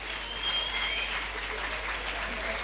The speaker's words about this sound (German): Tool, mach einen riesigen Applaus fürs Blende in die Hose heute Abend.